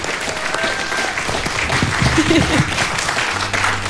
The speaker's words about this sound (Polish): Pięknie, brawa jeszcze raz.